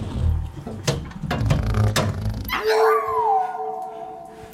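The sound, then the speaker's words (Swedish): A dog, Tofu, barks several times in quick, sharp bursts, then breaks into a long, sustained howl with a wavering pitch. The sounds are fairly loud, with no talking. “Den hunden kan inte bete sig för 5 öre, det vet du ju.”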